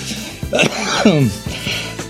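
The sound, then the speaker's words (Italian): A loud cough with a rough, throaty quality: a sharp burst, a voiced, strained sound in the middle, then a second shorter burst near the end. “Un bel inizio con il colpo di tosse.”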